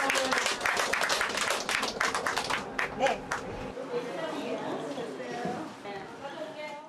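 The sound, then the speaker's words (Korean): A crowd claps together in a loud, dense patter for a few seconds, then the applause fades out and voices talking carry on underneath. “한번 기운차게 예, 박수 한번 보내주세요.”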